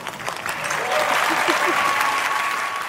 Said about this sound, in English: A lot of people in the audience felt the need to cheer her on, but other people in the audience gave a weird look.